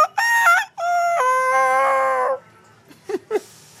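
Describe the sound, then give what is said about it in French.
A voice imitates a young rooster learning to crow, a cracked, wavering cock-a-doodle-doo lasting about two seconds, loud, followed by a few short breathy sounds. “Mais un coq qui apprend à s'y faire, c'est...”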